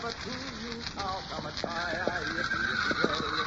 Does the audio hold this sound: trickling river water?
no